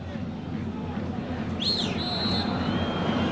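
A referee's whistle sounds once at a football match against Ascoli, as a corner kick is about to be taken, a shrill tone that rises and dips, then holds steady for about a second over a constant rumble of crowd noise.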